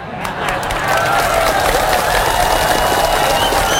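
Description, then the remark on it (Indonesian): Applause from an audience swells in quickly and keeps going as a dense, steady roar of many hands clapping, loud throughout, with a few voices mixed in. “Banyak yang tepuk tangan tak jadilah.”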